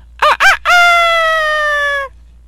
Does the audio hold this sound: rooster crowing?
yes